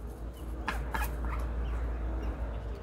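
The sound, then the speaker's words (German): A duck and its six newly hatched, fluffy ducklings in a flower pot call in a short, scattered cluster of cheeps and quacks over a steady low rumble of background noise, with no one talking. “Letztes Wochenende war es wieder soweit. 6 flauschige Küken sind geschlüpft.”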